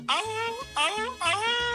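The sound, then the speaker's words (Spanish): A person imitates a wolf as an entry in a call-in animal-sound imitation contest on a program, with three short, voiced howl-like calls in a steady rhythm. Each cry starts high and slides lower, loud and harmonically rich, with no other sounds around them. “Buenas tardes, el lobo.”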